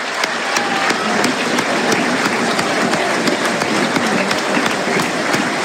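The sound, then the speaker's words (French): A large stadium crowd at a football match applauds steadily as Mamadou Camara leaves the pitch, substituted by Dylan Bayo. It is a dense, continuous wash of clapping that holds at an even loudness throughout, with no one speaking over it. “Applaudi Mamadou Camara.”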